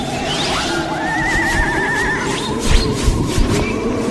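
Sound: horses neighing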